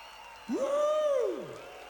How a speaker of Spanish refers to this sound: Muchas gracias. ¡Fuerte el aplauso!